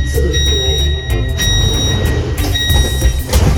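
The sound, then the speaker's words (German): Train doors closing on a crowded train: a steady, high warning beep sounds in two or three separated bursts over the low, constant rumble of a train interior. “Bitte rücken Sie enger zusammen, damit sich die Türen schließen.”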